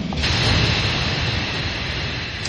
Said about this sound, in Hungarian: A vonat sóhajtva megáll